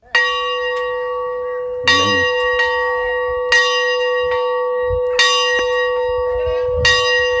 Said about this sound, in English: And here it is. I'm going to ring the bells. He's climbed the bell tower.